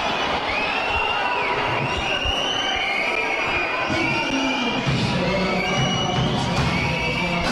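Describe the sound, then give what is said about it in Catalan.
A crowd in the stands at a basketball game whistles in disapproval of a referee's personal foul call, many shrill overlapping whistles sliding up and down in pitch above a steady roar of voices and shouting that fills the whole stretch. “Xiulets de la grada, gens d'acord.”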